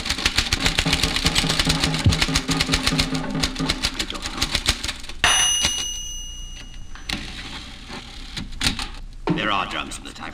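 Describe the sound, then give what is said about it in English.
Fast, dense clatter of typewriter keys hammering close by, broken by a brief ringing tone midway, then sparser keystrokes and a final burst of mechanical rattling. “There are drums in this typewriter.”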